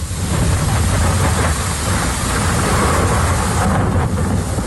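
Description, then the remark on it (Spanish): A heavy thunderstorm in Ibiza, near Cala del Moro, on a Thursday afternoon roars steadily, dense rain hissing loudly over a deep, continuous rumble of thunder, with no voices, filling the whole stretch at a constant, overwhelming level. “Y así descargaba en la tarde del jueves la tormenta en Ibiza, cerca de la Cala del Moro.”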